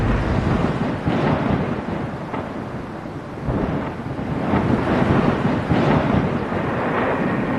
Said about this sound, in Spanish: Y después, el Señor envió una plaga de granizo, acompañada de lluvia y de rayos sobre la tierra de Egipto.